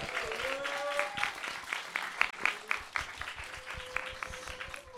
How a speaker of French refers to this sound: Voilà, je pense qu'on peut les applaudir dès à présent.